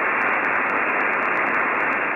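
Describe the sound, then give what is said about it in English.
Steady, dense radio static hisses loudly and evenly throughout, a broad unbroken wash of noise heard when tuning the dial to two radio stations that have gone dead, with no voices or music coming through. “Go to the dial, try to listen to those two radio stations. It's nothing but static.”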